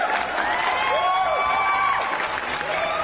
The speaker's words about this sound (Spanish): ¡Un aplauso!